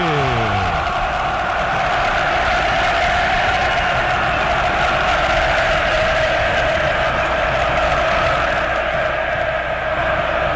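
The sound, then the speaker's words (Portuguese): A huge stadium crowd of São Paulo football fans sings and chants together at the Morumbi stadium as São Paulo and Boca take the field. A loud, steady roar of massed voices holds a sustained tune for about ten seconds without letup. “Ouça a torcida que conduz da Band News FM.”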